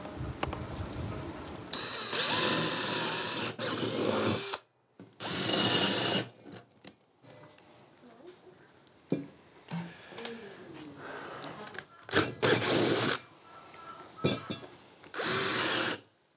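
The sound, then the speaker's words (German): A power drill whirs in several loud bursts of a few seconds each, drilling holes for small test tubes, spinning up and cutting off, with short pauses and quieter handling noises between them. “Löcher bohren und dann die Reagenzgläschen rein, mit Wasser füllen, die ganzen Blumen schön stecken, dann die Wurzeln.”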